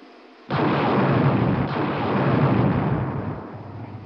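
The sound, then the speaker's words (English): Small unmanned rocket camera drones launch from a spacecraft in orbit around Mars with an abrupt burst that swells into a loud, sustained rushing roar, holding steady for several seconds with no voices. “Those small unmanned rocket ships you see leaving us will shortly be sending back television pictures as they fly near the surface.”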